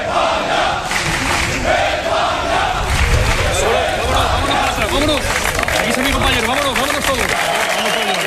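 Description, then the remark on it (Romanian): Hundreds of fans shout and cheer continuously at the residence of Prime Minister Pedro Sánchez in Madrid, welcoming the football world champions, with applause mixed into the din and individual voices calling out over the dense, loud roar. “Sute de fani au aplaudat și au cerut să le facă poze celor care de duminică au devenit regii lumii fotbalului.”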